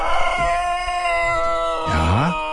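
A rooster crows loudly, one long, strained cock-a-doodle-doo that holds steady and then bends in pitch near the end.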